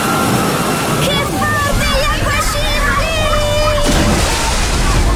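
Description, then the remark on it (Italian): Water sloshes and splashes continuously in a busy wave pool at the Terme di Giunone thermal water park in Caldiero, Verona, as another wave arrives, with a steady rushing wash and lively voices and shouts of a crowd mixed in throughout. “Il divertimento della piscina ad onde, ne arriva un'altra!”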